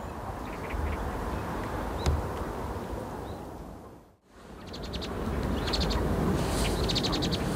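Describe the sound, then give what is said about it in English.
Birds call repeatedly in quick, chattering bursts over a steady outdoor hiss of wind and water at the Nejang Reservoir in spring, with a brief hush midway before the calls resume more busily. “Birds at the Nejang Reservoir are also enjoying this spring.”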